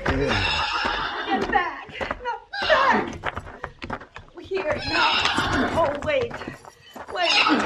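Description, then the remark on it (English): A horse whinnies and snorts in a yard as a young woman tries to hitch it to a spring wagon, with scattered hoof clops and shuffling knocks on hard ground between the calls, the sounds fairly loud and continuous throughout. “When I rode into the yard, I found a young woman trying awkwardly and without much success to hitch a horse to a spring wagon.”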